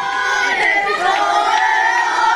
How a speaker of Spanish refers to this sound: ¿Cuántas veces escuchó ayer este grito por las calles y las ciudades de toda España donde el punto, el epicentro fue Estados Unidos, Nueva York?